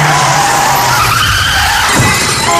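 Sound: car skidding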